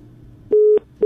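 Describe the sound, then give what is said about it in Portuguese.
A telephone busy tone after a dropped call from a listener on the Atlântida radio station phone line: loud, steady electronic beeps in a regular on-off rhythm, following a brief stretch of low line noise, with no voices. “Caiu.”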